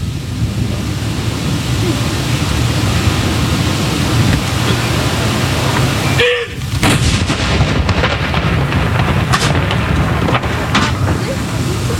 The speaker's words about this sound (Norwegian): Det altså 21 skudd i alt som skal avfyres. Og så det da som vanlig ved sørgesalutt, så det 30 sekunders pause mellom hver avføring.